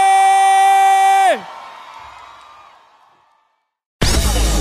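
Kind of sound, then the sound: crowd, audience clapping and cheering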